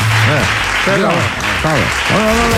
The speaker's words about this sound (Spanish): Tampoco se entiende el aplauso.